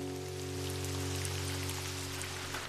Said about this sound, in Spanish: ¡Ah, ya me cansé de ver llover, Dizzy! ¡Yo también! ¿No ha dejado de llover?